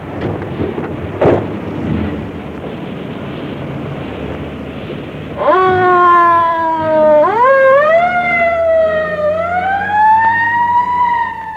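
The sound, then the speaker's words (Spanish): A low vehicle rumble gives way midway to a loud police patrol car siren that wails up and down in sweeping cycles, continuing to the end. “Bueno, móntense a la patrulla.”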